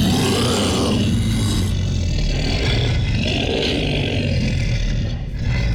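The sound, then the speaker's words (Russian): A human voice, an announcer, imitates a deep, growling roar, loud and rough with a heavy rumbling low end, held almost without pause for several seconds and easing slightly at the end; the sound was made by Russian sound artists with a sound engineer's help. “Кстати, последний, только что услышанный вами звук, был изготовлен нашими родными российскими художниками звука.”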